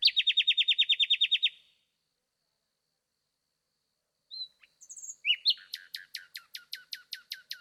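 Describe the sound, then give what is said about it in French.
A nightingale sings loud at night in the Danube delta: a rapid, rattling series of high repeated notes, a pause, then varied whistles leading into another fast pulsing trill. No voices or other sounds. “Dans la nuit, le rossignol remplit l'espace.”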